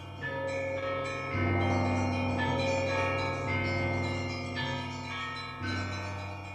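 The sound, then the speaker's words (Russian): Church bells peal in a steady, overlapping sequence, each loud strike ringing out with rich humming overtones that blend into a continuous clangor, ringing at half past five in the morning on 5 September 1912. No voices are present. “Аля, Ариадна Эфрон, родилась 5 сентября 1912 года в половине шестого утра под звон колоколов.”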